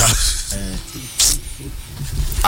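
A few short, hissing spray bursts from a perfume atomizer, spaced apart, with some quieter low sounds in between.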